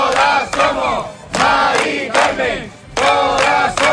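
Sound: protest crowd chanting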